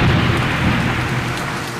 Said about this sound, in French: La pluie tombe tout à coup. Des trombes d'eau